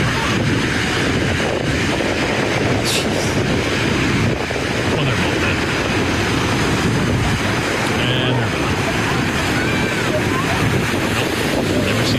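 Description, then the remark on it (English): Large ocean waves, some breaking up to 10 feet high, crash on Seabright Beach on the Santa Cruz coastline during a water rescue by lifeguards, in a loud, continuous roar of surf, mixed with gusting wind buffeting the microphone throughout. “A witness took this video showing one of the water rescues at Seabright Beach yesterday afternoon.”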